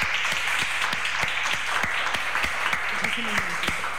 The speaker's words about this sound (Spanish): Estamos aquí en el mañana, sí, pido un aplauso fuerte para la …, sí.